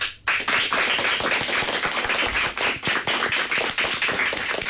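Fifth-year pupils of CEIP Sequelo in Marín applaud in the José Hermida studio of Radio Pontevedra to greet listeners, many hands clapping in a dense, steady patter that starts abruptly and keeps an even loudness for several seconds, with no voices over it.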